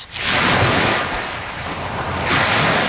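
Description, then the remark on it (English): Waves wash onto Woodbine Beach on the waterfront in warm, sunny weather, in a steady, loud roar that swells twice, rising, easing and building again, with a gusty wind rumble underneath and no voices. “After a brutal winter and a chilly start to spring, people are finally enjoying the warm weather along the waterfront.”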